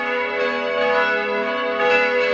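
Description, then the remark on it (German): Church bells in Salzburg, Austria, ring steadily at noon, a dense, sustained peal with rich overlapping tones swelling slightly in volume, no voices present. “dann hören Sie hier bei uns in Radio Salzburg wieder die Mittagsglocken”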